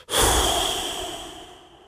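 A single long, breathy whoosh of air blown out through the mouth around the tongue with lips pursed outward, after a quiet inhale through the nose, as a breathing exercise; it starts strongly and slowly fades over about two seconds, with no talking.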